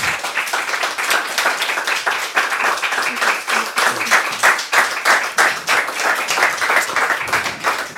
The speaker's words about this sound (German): Deshalb herzlichen Dank und einen großen Applaus für dich.